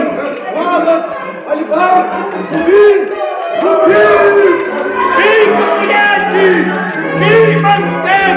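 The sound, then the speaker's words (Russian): A loud, dense mass of overlapping voices shouting and yelling all at once, a rowdy crowd clamoring continuously without a break during a street sword fight between the servants of two families in Verona. “Что тут за крик?”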